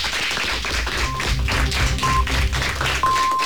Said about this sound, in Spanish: Chicos, que muchísimas gracias. Igual que empezasteis con un aplauso, vamos a cerrar con un aplauso para recibir las noticias de la una de la tarde.